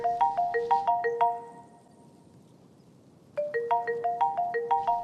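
A phone rings with a bright melodic ringtone, quick bouncing electronic notes in a fast pattern that plays, pauses for about two seconds, then starts again, clear with no one talking.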